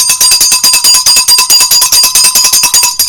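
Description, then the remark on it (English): A bell rings loudly and continuously for about three seconds on the morning show of 94.1 Wazobia FM radio, its rapid metallic strikes blurring into a steady, shrill trill, with no voices. “Where my bell?”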